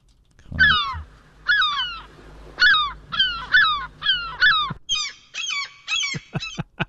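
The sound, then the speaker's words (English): A person imitates a seagull's screech with a rapid run of about a dozen harsh, nasal squawks, loud, the last few shorter and choppier, with no talking. “he can do a seagull screech.”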